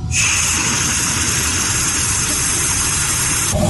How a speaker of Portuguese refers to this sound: Quando tem falta de água e ele abre a torneira, o som que ele ouve é esse aqui, vamos acompanhar.